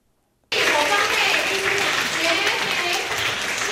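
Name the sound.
warm applause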